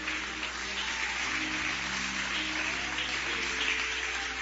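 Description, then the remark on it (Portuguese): A church audience claps together to celebrate Jesus in a steady, dense wash of applause that holds at an even level for several seconds, with no voices rising above it. “Pode celebrar Jesus com palmas de vitória.”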